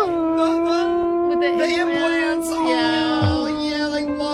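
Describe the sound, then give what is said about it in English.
A long, steady howl like a young wolf pup's, holding one wavering pitch for several seconds, loud with a rich harmonic tone and no break. “Or a dyslexic wolf puppy learning how to howl.”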